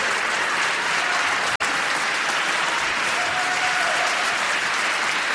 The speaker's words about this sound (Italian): Questo applauso vorrei dedicarlo a Totò e soprattutto è una grande amica che ci ha lasciato, che ha scritto questa musica e che l'ha anche interpretata meravigliosamente,